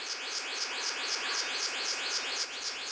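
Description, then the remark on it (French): A male blue bird-of-paradise's courtship call as it seeks a mate: rapid, evenly repeated high, buzzy sweeping notes pulsing in a steady rhythm over a dense, hissing background, continuous throughout with no voices. “Un paradisier bleu mâle en quête d'une compagne.”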